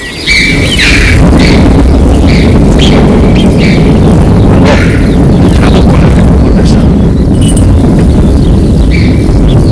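A deep, continuous rumble of thunder rolls on loudly in the Ordesa canyon in the high mountains, thick with low booming energy, while short high bird chirps break through on top at intervals.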